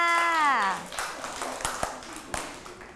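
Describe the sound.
A teacher speaks briefly, then a handful of scattered, uneven claps follow for a pupil, sharp and sparse rather than a full round of applause, like a few children clapping.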